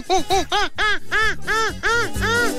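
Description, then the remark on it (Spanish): A child's voice imitates a monkey with a quick series of about seven loud, high-pitched hooting cries that rise and fall, in a steady, excited rhythm. “y voy a imitar un mono.”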